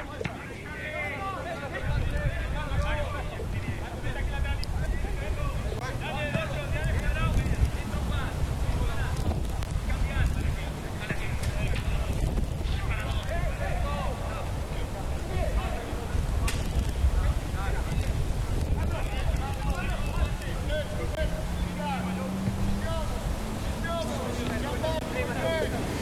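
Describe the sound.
Strong wind gusts roar steadily across an open stadium during a Real Madrid versus Torino football match, buffeting the microphone with a deep, constant rumble while a crowd murmurs and voices carry faintly underneath.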